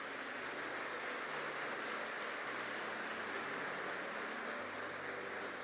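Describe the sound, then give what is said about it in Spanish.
An audience claps together for the greatness of God in a dense, steady wash of applause that holds at an even, fairly loud level for several seconds, with no voices rising above it. “Dele un aplauso a la grandeza de Dios.”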